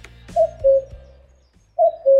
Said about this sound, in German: Was machen diese Geräusche mit euch? Laut einer Studie tut es gut, den Vogelstimmen zuzuhören. Warum genau? Es hat etwas mit unserem Instinkt zu tun.